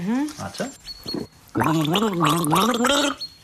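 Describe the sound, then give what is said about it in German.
A person gargles a song's tune for another person to guess in a game, the wavering, bubbly pitch rising and falling in a melody. It starts with a few short gurgles, then a louder, sustained gargled phrase of about two seconds. “Also ich gurgel dir einen Song und du musst erkennen, welcher es ist, ja?”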